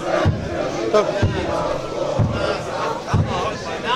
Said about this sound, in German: Und die Trommeln und singen. Ja. Richtig, die HFC-Fans, toll. Das hört sich top an, ja?